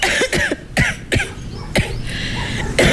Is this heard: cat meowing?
no